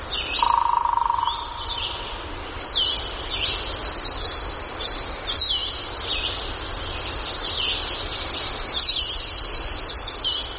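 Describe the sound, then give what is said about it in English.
Warblers and vireos sing in an old-growth hardwood forest in North Carolina, recorded by Gordon Hempton: a steady, overlapping chorus of high, quick chirps and trills, with a brief clear whistle near the start and a continuous soft rustling hum beneath; no voices. “to an old-growth hardwood forest in North Carolina, where warblers and vireos sing and woodpeckers drum.”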